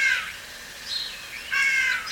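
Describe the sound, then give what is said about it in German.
A starling imitating a crow's caw, with two harsh, raspy calls separated by a short pause, fairly loud, with no one talking. “Hier ist ein Star, der wie eine Krähe ruft.”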